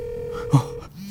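phone call ringing tone

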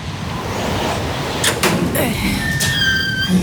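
door opening

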